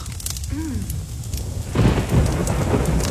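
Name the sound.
pouring rain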